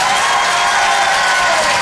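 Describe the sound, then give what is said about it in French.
An audience at the Rire et Chanson Comedy Club, on the stage of the Apollo Théâtre in Paris, claps and cheers in a steady, loud burst as a comedian is introduced, a dense wash of many hands with scattered whoops mixed in, continuing without a break. “Bonsoir tout le monde, faites du bruit!”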